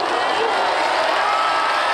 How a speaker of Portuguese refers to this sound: Ó, enquanto a gente acompanha aqui o grito e as imagens da torcida da Noruega, na recepção da seleção da Noruega ontem em Oslo, uma coisa impressionante, uma multidão, o Capri já falou, 90 mil pessoas, olha o som da remada.